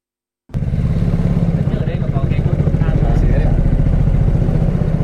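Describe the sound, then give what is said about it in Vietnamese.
A motorboat engine starts abruptly and drones loudly and steadily, a continuous throbbing hum with a rattly, chugging texture that holds without letup, as the boat goes out onto the Hòa Bình hydropower reservoir, Phú Thọ province, toward fish-farming rafts. “Mất vài phút đi xuồng máy ra khu vực lòng hồ thủy điện Hòa Bình, chúng tôi đến bè nuôi thủy sản của gia đình”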